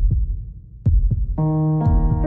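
Deep, muffled heartbeat thumps in lub-dub pairs, steady, with a sustained humming musical tone swelling in behind them partway through.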